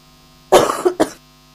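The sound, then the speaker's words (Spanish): A short fit of coughing, two or three harsh bursts in quick succession, with a faint electrical hum underneath and no talking. “Totalmente, perdón, me agarró un poco de tos,”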